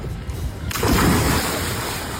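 Open-sea waves heard while out on the sea at the start of a birthday outing roll in a steady, loud rushing wash that surges up after a brief softer start and keeps churning, with no voices present.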